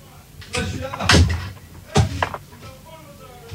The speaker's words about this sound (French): Oula, c'est fermé la porte là.